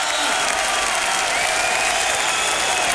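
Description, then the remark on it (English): A crowd applauds enthusiastically for the Stage Struck feature of a live radio show, a dense steady wash of clapping with cheering voices mixed in, loud and continuous for the full three seconds. “Enthusiastic crowd for the Stage Struck feature.”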